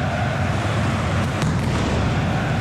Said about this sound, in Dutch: Dit is niet toegelaten natuurlijk, dat vuurwerk. Of die bommetjes. Pyrotechnisch materiaal. Om het technisch te zeggen.